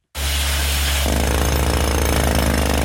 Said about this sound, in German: An der Stützmauer und am Felsen unterhalb der Terrasse vom Restaurant Trois Rois wird gebohrt. Spezialisten von einer externen Baufirma seilen sich dafür von der Terrasse in die Wand ab. Ein Mann setzt der Bohrer an einem genau definierten Punkt an.